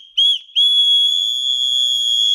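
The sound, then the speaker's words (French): A loud, shrill personal safety whistle, a keychain-like anti-harassment whistle handed out by the Nîmes town hall for the feria and able to reach 100 decibels, blown in two blasts: a short toot, a brief gap, then a long steady high-pitched blast of about two seconds, with no voices. “la mairie met à disposition des sifflets anti-relous, c'est leur nom, pour une fête en toute tranquillité”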